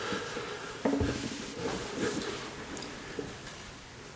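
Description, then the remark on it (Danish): Hail patters steadily in the background, a dense, soft spray of small ticks with a few sharper knocks standing out. It is fairly quiet and continuous, and nobody speaks. “Er det regn? Det er havl.”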